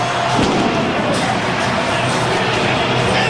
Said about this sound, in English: The pyrotechnics and fireworks going off here inside the Fargo Dome. All of Bison Nation on its feet as we get set for North Dakota State and Fordham.